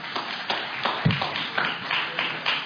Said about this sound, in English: You can clap for him. Don't be embarrassed.